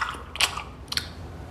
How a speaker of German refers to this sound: Unter dem Küchentisch lässt sich der Kobold den gemopsten Schokoladenriegel schmecken. Sein Schmatzen ist nicht zu überhören.